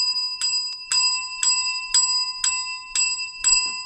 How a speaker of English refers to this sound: 10 oh, bells. That's 10 steps, 10 $1,000 increments on the tally board. Mm. That's someone that's just given $10,000.